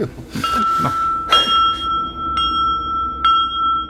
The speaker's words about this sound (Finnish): Meidän täytyy pyytää vaunut ovelle saman tien. Soitanko kelloa? Soita.